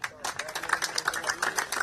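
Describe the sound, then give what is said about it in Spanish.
An audience in the community of Arroyo Jun breaks into applause after a brief quiet moment at the national government's handover of 27 homes, a dense, steady patter of many hands clapping at moderate loudness that carries on to the end. “Un fuerte aplauso.”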